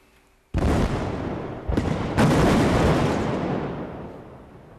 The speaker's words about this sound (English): It carried out controlled explosions to redirect a branch of the Danube River towards a nuclear power plant. A reactor was shut down last week because the river's water level had dropped to a record low in the scorching weather.